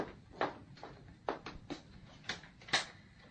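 A door being opened, heard as a short series of quiet clicks and knocks from the latch and handle, spaced unevenly over a few seconds with no one speaking.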